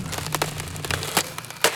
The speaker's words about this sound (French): Mais aujourd'hui, il est très fâché. Il a pris un marteau pour taper. Un marteau énorme et lourd, lourd. Et dans le mur, ça fait... Boum, boum, boum, boum.